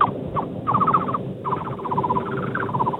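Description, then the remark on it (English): Someone imitates a thrush-like birdsong, producing several quick, warbling trilled phrases in bursts with short pauses between them, with no talking over it. “It could be like a thrush, if I had to guess.”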